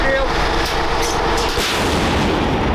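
A Ukrainian Bohdana self-propelled howitzer fires a shot at a target, a loud, heavy blast with sharp cracks and a dense, rumbling roar that fills the whole moment.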